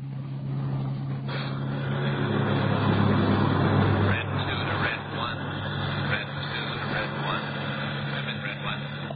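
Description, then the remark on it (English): A car cruising steadily along the Pacific Coast Highway, its engine holding a low, constant drone with broad road and wind noise that runs unbroken for the whole stretch. “He drove out Sunset Boulevard to the Pacific Coast Highway and turned right.”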